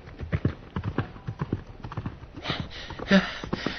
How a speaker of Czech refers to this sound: Ten ale v rychlosti na koně nasedl a kůň vyrazil branou tak, jak přijel.